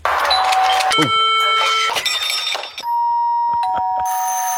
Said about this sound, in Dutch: Deurbellen dus eigenlijk. Ja, deurbellen. En doorbellen.